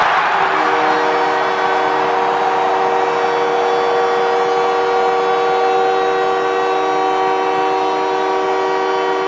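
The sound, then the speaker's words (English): An arena crowd at a hockey game cheers wildly as Canadiens captain Nick Suzuki scores his 22nd goal of the season to bring the Canadiens within one, a dense continuous roar heard alongside a loud, sustained goal horn that blares steadily from start to finish. “Well, the captain of the Canadiens, Nick Suzuki, gets the crowd into hysterics as he gets the Canadiens to within one with his 22nd goal of the season.”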